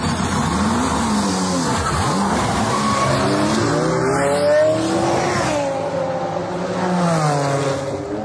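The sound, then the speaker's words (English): A tech-adapted race car, driven by a disabled driver, roars with its engine pitch swooping down and climbing again through gear changes, with tires squealing as it corners. The sound stays loud and continuous throughout, with no talking. “That's the sound of a car raced by Team Brit.”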